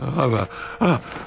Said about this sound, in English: Hey, wait, he's breathing.